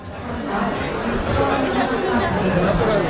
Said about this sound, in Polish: Ponad 100 wystawców, wiele wydarzeń i tłum ludzi, co zapewne mogą Państwo poznać po gwarze, który panuje wokół.